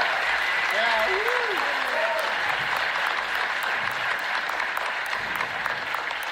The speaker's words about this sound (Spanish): Y quiero pedirles un fuertísimo aplauso para Kujipi. Kujipi.